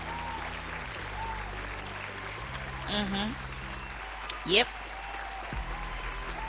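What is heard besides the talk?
applause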